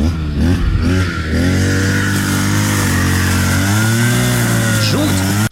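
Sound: chainsaw engine revving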